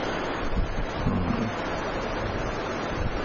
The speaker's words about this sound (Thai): วัดอโศการามนี่ก็แอบมาดูสมัยก่อนดังเป็นชายทะเลนะมาดูตอนนั้นยังลมเยอะเหมือนกันตอนลมเยอะทีนี้ก็คงยังมีลมอยู่นะมีน้ำก็มีลม